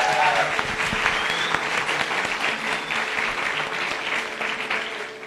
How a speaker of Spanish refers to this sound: Que se escuchen los aplausos, por favor.